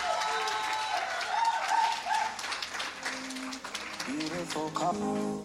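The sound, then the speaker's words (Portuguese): Steady, dense applause from an audience for the man chosen as the first King of Mozambique, going on for several seconds, with voices calling and cheering over the clapping and a few high-pitched whoops toward the end. “Mais uma vez, uma forte salva de palmas, por favor.”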